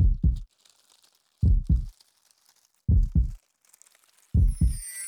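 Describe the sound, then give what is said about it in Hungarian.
A loud, deep heartbeat thuds in four steady lub-dub pairs, each double beat about a second and a half apart, with nothing else but a faint hiss between them. “Az enyém minden fáért nagyot dobban. Halljátok?”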